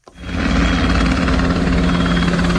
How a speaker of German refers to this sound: Hubschrauber über der Stadt, eine Kolonne aus rund 70 Militärfahrzeugen mitten in der Nacht, eine Drohne mit Sprengstoff über dem Hafen. 3 Tage lang hat die Bundeswehr in Hamburg geprobt, was im Ernstfall passieren könnte, allerdings nur im Szenario.